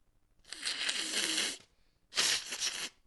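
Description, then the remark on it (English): Two forceful nose blows, each a noisy, breathy burst lasting about a second, with a short pause between them. The second blow is slightly louder than the first. “Now I got to blow my nose.”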